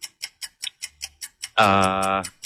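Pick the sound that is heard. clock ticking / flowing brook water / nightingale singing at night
clock ticking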